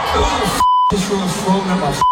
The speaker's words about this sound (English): You can hear him through the many swearing beeps here. Complaining about the incident.